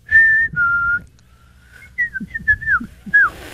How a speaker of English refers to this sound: I can't whistle well, but I can whistle.